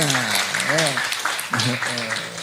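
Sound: audience applause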